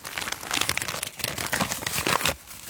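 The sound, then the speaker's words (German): Gritty foley footsteps scuff and grind across a plain, normal asphalt surface in a steady run of crunchy steps, with no voices. “Hier haben wir jetzt einfach normalen Asphalt. Das klingt dann so.”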